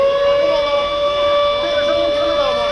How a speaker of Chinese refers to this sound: 上午10点，随着指令下达，防空警报按照预先警报、空袭警报、解除警报的顺序依次鸣响，每轮警报持续3分钟，信号之间间隔7分钟。